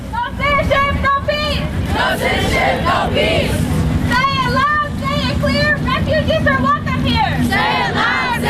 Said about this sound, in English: Then the assembled picked up their banners and signs and started marching and chanting down East Washington Avenue.